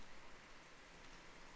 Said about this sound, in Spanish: Y por acá ya escuchamos la lluvia que ya nos está asomando.